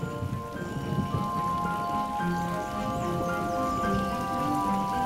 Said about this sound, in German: Bei Regen zeigt sich der Vorteil nickender Blüten. Die Blütenblätter schützen die Staubbeutel wie ein Dach vor den vom Himmel prasselnden Wassertropfen.